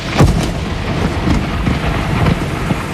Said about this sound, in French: en tout cas, ces nuages, ils auront, oui, un petit coup de tonnerre cet après-midi.